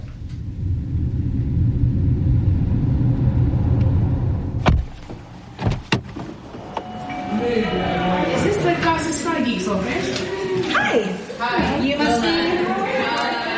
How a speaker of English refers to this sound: So I've come over to Ramallah. It's always a bit of a struggle nowadays with the Israeli checkpoints, with heavy traffic. And of course, I'm in the occupied West Bank.